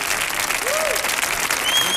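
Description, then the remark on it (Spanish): A crowd claps loudly and steadily, welcoming a speaker to give a talk on words, a dense wash of applause for a couple of seconds, with faint cheering or whistles mixed in. “Fuerte el aplauso”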